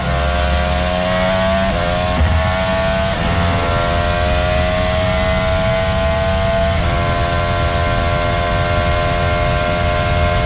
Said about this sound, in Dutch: Om het geluid van de auto van Carlos Sainz bij het insturen van de Ascari op het prachtige Monza.